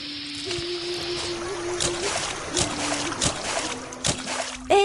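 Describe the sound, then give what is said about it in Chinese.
Footsteps splash through a shallow stream as a person walks across it, in a steady, unhurried rhythm, each step a bright slosh, with a low sustained tone humming faintly underneath. “兄台等等，头先呢，你行过嗰条小溪，步步都水花四溅，啲水声咁大啊！”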